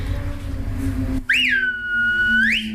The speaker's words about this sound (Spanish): Yo silbo con estos dos. Corazón y anular son estos.